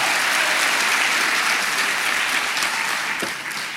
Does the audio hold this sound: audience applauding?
yes